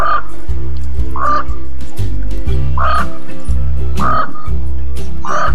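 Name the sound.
crow calling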